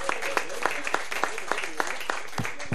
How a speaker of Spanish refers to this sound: Primeramente quiero pedir un aplauso para que se escuche que hay gente acá. Porque, primeramente eso.